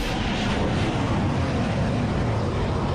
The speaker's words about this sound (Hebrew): אלה הקולות שבישרו אמש על חידוש התקיפות האמריקניות באיראן. מטוסי קרב אמריקנים המריאו, ובדרום איראן החלו להישמע פיצוצים.